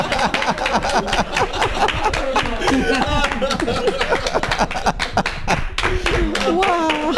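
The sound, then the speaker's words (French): An audience at a show on Radio Cause Commune claps steadily and loudly for several seconds for the radio, dense rapid hand claps mixed with excited voices and cheering over the top. “Ah non, il faut applaudir là, pour la radio.”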